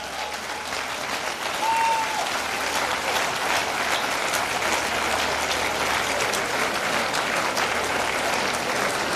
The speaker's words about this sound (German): Und danke vielmals auch, dass du mit deinem Auftreten, mit deiner Musik und mit deinem Schnauz natürlich auch so belebt hast heute Nachmittag. Das ist dein Applaus,